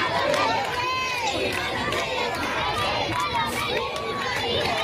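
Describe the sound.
A large crowd in full sun roars and cheers continuously for Pope Leo XIV as he rides standing in the Popemobile past the Royal Palace in Madrid, Spain, with scattered clapping and high excited shouts rising above a dense, steady wall of voices.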